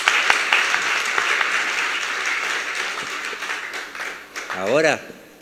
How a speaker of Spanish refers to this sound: Entonces, gracias. Vamos a darles un aplauso a esos jóvenes. Gracias.